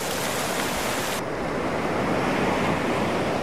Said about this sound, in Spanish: El sonido de las olas del mar.